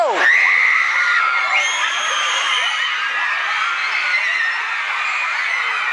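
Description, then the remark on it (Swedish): A dense crowd of fans shrieks and shouts continuously at high pitch, loud, with overlapping excited screams and cries filling the whole stretch without pause, as a bodyguard tries in vain to stop them blocking the way. “Ja, ni hör skrikande fans och en livvakt som förgäves försöker få fans att inte blockera vägen.”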